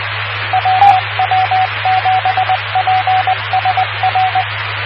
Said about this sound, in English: Oh, and I had to practice Morse code. Did you see how good I was?